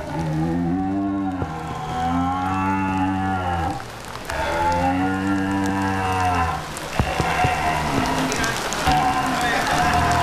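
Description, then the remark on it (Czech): Two long, low, droning grunts of a red deer resting call imitated on a game call, loud, each lasting a few seconds with a brief pause between, over a steady background hiss. “Mrmlání jelena na vábničku.”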